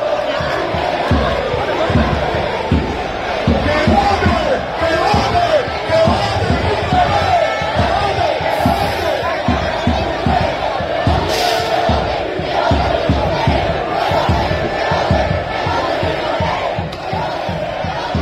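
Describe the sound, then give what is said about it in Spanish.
A large crowd of Hércules football fans chants loudly and steadily outdoors at the Puerta Cero stadium gate, at the final against Lleida in which the team won promotion to Primera Federación, voices merging into a dense roar, with rhythmic thumps like drumbeats or clapping driving the chant throughout. “Este sonido y las imágenes que tenéis también en las redes sociales corresponden al partido frente al Lleida, aquella finalísima donde el equipo de Rubén Torrecilla consiguió el ascenso a la Primera Federación.”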